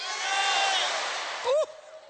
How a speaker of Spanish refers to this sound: A las tres quiero que todos griten su nombre con las manos en alto, porque tu nombre está escrito en los cielos. Todas las manos arriba, vamos a hablar. ¿Listos? Fuerte. Una, dos, tres.